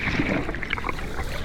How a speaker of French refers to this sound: J'entends comme de légers bruits de vagues et un très léger murmure. Mais quel est cet être marin qui ne produit aucun son et semble ne pas bouger ? J'y suis ! C'est le corail rouge.